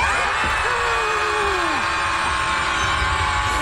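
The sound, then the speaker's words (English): A group of people scream together at full volume to let out their frustration, a dense, continuous wall of overlapping shrieks and yells with pitches rising and falling, loud for several seconds. “Yeah, there's a Scream Club in Chicago where people go and just let all their screams out so they feel better.”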